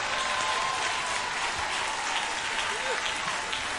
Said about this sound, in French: Bah, l'éternel applaudissement.